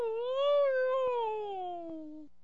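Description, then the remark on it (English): A husky dog lets out one long, drawn-out whimper lasting a couple of seconds, its moaning pitch rising slightly and then sliding steadily downward before it stops. A couple of faint clicks sound underneath. “Husky, are you going to be a good dog and call”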